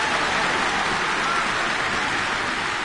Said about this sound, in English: Thank you, fans. Nice to have a round of applause to walk into the studio.